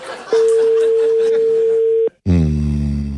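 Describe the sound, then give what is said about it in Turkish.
A steady, single-pitched telephone ringing tone of an outgoing call that goes unanswered sounds clearly for about two seconds over faint background noise, then cuts off, followed after a brief pause by a low, drawn-out vocal grunt. “Arıyorum birini de. Açmıyor telefonu.”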